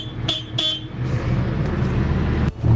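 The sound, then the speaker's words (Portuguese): The horn of a large vehicle gives two short, fairly thin toots in quick succession, followed by the steady rumble of a running engine and road noise. “A buzina aqui é fraca, mas a máquina é grande.”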